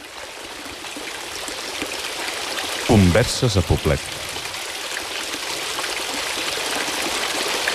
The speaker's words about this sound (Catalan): Anem a mullar-nos una mica les mans? Doncs sí, amb aquesta aigua que fa exactament el mateix so que la de l'Alhambra de Granada